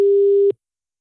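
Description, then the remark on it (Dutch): A single steady electronic tone of a phone's outgoing ringing signal as a Q-Music radio call goes out to a contest listener, loud and clean for about half a second, then cutting off abruptly into silence. No voices. “En dan kan het zomaar zijn dat je telefoon nu overgaat.”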